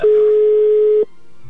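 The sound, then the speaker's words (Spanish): A telephone ringback tone of an outgoing call to a man's wife's phone sounds once as a steady, loud single-pitched beep lasting about a second, then cuts off into near silence. No one speaks. “Sí, ya está sonando el teléfono de tu esposa, amigo.”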